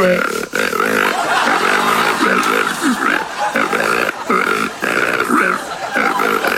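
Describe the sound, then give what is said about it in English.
A loud hog call: rough, drawn-out vocal hollers with a grunting, pig-like tone, sounding continuously for the whole clip with brief dips between bursts. “That's the hog call”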